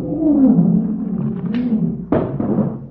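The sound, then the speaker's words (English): A caged lion roars and growls, a deep rumbling roar filling the moment, then breaking into a sharper, rougher snarl near the end. “Professor, there's a lion in that room?”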